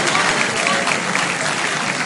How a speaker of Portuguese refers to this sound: Pode sentar, a igreja. Não fecha a Bíblia, senta batendo palma, senta dando glória. Isso, mais forte as palmas com glória para Jesus.